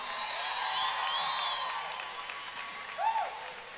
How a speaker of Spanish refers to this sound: Aplauso, más fuerte.